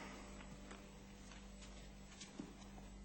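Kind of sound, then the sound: animal, horse hooves clip-clopping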